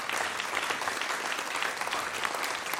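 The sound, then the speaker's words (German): An audience claps steadily for a group of yodelers, a dense, even patter of many hands that holds at a constant, moderate level for a few seconds with no voices over it. “Ein Applausbütchen für unsere Jodlerfreunde.”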